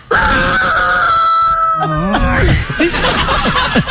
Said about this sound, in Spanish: El aleteo. Se fastidia. Uy, no, pero la gallina se está sentando mal, ¿no?